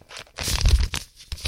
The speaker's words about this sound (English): And let's take it and do this. And then let's crumble it up and step up to the bench